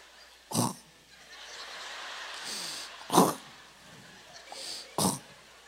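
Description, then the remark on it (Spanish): A voice imitates a woman's loud snoring: three harsh, rasping snorts, each brief and gritty, spaced a couple of seconds apart, with quiet breathy noise between them. “Luego roncó, pero un ronquido, yo creo que de acuerdo a su textura y tamaño, un ronquido.”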